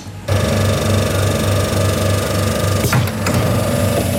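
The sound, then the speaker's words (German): A coin-operated soft-serve ice cream vending machine in Schmallenberg-Niedersorpe, Germany, starts up after a coin is inserted, with a steady mechanical whirring and rhythmic rattling as it dispenses a waffle cone, with a brief clunk near the end. “Ich stecke hier gerade eine Münze in einen Eisautomaten rein.”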